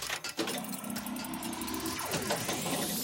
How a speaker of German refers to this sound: Bei dir rumpelt's aber auch ordentlich. Ja, ich bin gerade im Auto mit meinen Kindern.